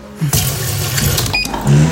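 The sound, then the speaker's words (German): Sounds of a coffee machine's empty water tank being refilled: a steady rush of water with a low hum underneath and a few plastic clicks and knocks along the way. No voices. “Wassertank leer.”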